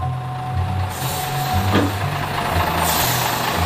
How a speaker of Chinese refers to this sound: 车辆不断增加，车流不息，以至于狒狒们没有足够的时间像以前那样实施打劫。